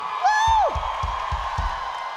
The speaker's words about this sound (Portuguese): Você vai aplaudir comigo um cara que tem deixado sua marca na guitarra desse país. Vamos lá, mete a mão, aplaude essa fera, esse ícone, …!